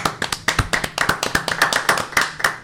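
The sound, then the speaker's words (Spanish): Audience applause welcoming a visiting woman speaker, an apostle from Union City, New Jersey, with loud, sharp individual claps in a quick, uneven rhythm, crowded transients suggesting a group clapping together without any voices. “Recíbanla con un fuerte y caluroso aplauso.”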